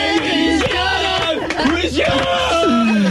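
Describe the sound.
An audience applauds at the close of the evening's show amid loud, sustained cheering and shouting voices, a dense crowd roar that stays steady and full for about three seconds.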